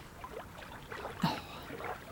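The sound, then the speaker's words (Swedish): Soft, gentle lapping of small lake waves against a boat, with faint irregular splashes and a brief brighter slosh midway, steady and quiet throughout. “Det är liksom ett väldigt lugnt skvalp.”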